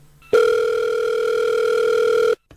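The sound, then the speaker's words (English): A telephone rings for an incoming call with one loud, steady electronic tone lasting about two seconds, clear, then cuts off abruptly into silence. No one speaks over it. “So we're getting a phone. We're getting a phone call.”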